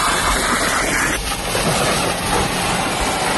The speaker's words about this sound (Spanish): El de las llamas, el de las mangueras apagando el fuego o el de las motosierras en las zonas que ya han sido sofocadas.